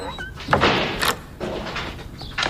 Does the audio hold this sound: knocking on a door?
yes